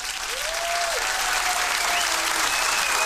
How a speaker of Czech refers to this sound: Tak potlesk pro našeho výherce týdenního.